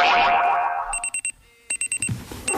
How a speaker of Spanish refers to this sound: El despertador.